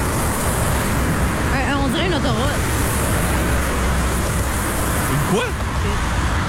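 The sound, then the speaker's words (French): A steady, dense roar of highway traffic fills the whole recording, loud and continuous with no breaks, while faint voices surface briefly in the background. “On dirait une autoroute.”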